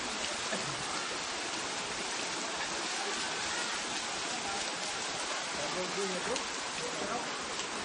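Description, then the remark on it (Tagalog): Heavy rain, falling since Monday or Tuesday, pours down in a dense, unbroken, loud roar, holding at the same steady intensity from start to finish. “Ulan dito di ay no?”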